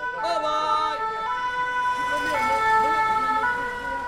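An ambulance siren wails steadily and loudly amid traffic and pedestrians, its tone rising and falling over a continuous hum of street traffic.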